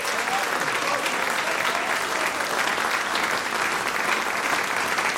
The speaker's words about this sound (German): Und da dafür einfach zuerst jetzt mal herzlichen Applaus natürlich auch noch von uns allen.